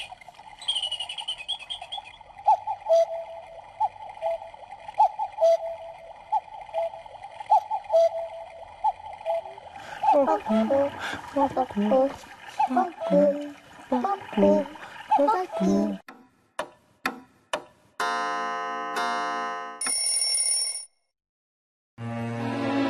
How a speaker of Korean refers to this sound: 이 시계는 네. 집 모양 시계야. 근데 정확한 명칭은 뻐꾸기 시계야. 이 집에는 누가 사는지 소리 한번 들어볼래?